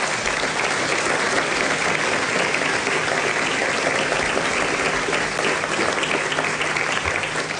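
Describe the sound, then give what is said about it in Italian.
Sustained audience applause for the staff of ICE, some connected from abroad, a dense, steady patter of many hands clapping at an even, loud level throughout, with no voices standing out. “Nel frattempo vorrei ringraziare e chiederei un applauso a tutta la struttura dell'ICE, che sono anche collegati dall'estero.”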